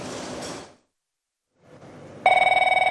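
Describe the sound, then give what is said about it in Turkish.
A telephone bell suddenly starts ringing loudly, a rapid metallic trill, after a brief burst of rustling noise and a moment of silence. No one speaks. “O sebeple o telefonu açıyor ve açtığına da pişman oluyor.”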